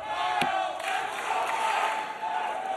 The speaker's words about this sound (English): And you hear the crowd, the allegiance kind of split right down the middle.